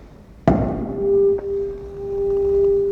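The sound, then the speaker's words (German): A single sharp strike on a bell, its pitch being checked against a tuning fork, followed by a steady, mid-pitched ringing tone with a faint higher overtone of the bell that sustains evenly without fading for several seconds. “Das ist der Oberton der Glocke.”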